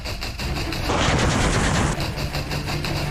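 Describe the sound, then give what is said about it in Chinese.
A helicopter's rapid automatic gunfire rattles loudly for about a second as it strikes a blue-force firing point during an air-ground coordination exercise, set against a steady low mechanical drone that continues before and after the shooting. “在侦察小组引导下，直升机对目标实施火力打击，消灭了蓝军火力点。”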